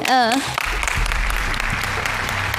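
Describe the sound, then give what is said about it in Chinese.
An audience breaks into sustained applause welcoming a woman up from the audience to join a small game, a dense crackling wash of clapping that holds steady throughout, opening with a brief rising voiced call over the first moment. “好嘞， 掌声欢迎阿姨。”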